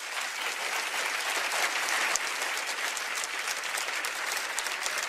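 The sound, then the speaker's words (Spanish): A crowd claps loudly and steadily as applause for the Lord, a dense wash of applause that holds at full strength for several seconds without pause. “Denle un aplauso bien fuerte al Señor.”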